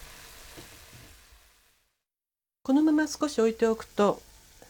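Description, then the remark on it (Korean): Ground meat and broth simmer uncovered in a pot on the heat, being reduced until about two tablespoons of broth remain, with a soft, steady bubbling sizzle for under two seconds. It fades to a brief silence before a voice begins speaking. “너무 졸이면 고기가 굳어지므로 냄비에 고여있는 국물이 두 큰술 정도가 될 때까지 졸입니다.”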